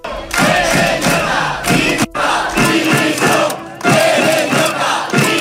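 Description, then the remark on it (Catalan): A protest crowd of around a hundred people receives Pérez Llorca at an awards ceremony, shouting demands for his resignation, loud overlapping voices rising in repeated rhythmic bursts, with a brief break near the middle before the chanting resumes. “El rebien vora un centenar de persones entre crits de dimissió.”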